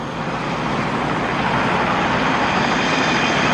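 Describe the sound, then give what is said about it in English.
A helicopter roars overhead, a loud, steady engine and rotor wash that fills the whole moment and swells slightly as it passes, with no voices. “Look over there! Michael, Bonnie is in that helicopter.”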